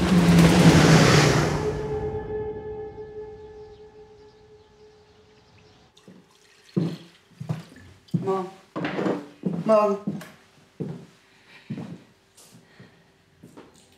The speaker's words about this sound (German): Achtung, Motorboot!